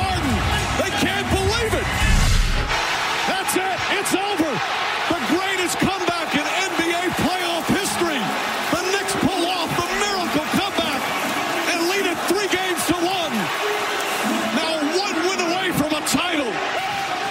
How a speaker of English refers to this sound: Listen to that crowd, buddy. They're going nuts there. That's in Madison Square Garden, which is right in the middle of Manhattan. That was in New York, that game.